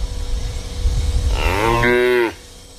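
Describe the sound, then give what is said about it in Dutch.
A single cow moo of the kind cows make to signal they need something starts low and quickly rises in pitch, then holds steady on a loud, sustained tone for about a second before cutting off, heard alone. “Maar dan heb je die geluiden waarin de koeien duidelijk aangeven dat ze iets nodig hebben. En dan dat geluid begint laag, maar dat stijgt heel snel.”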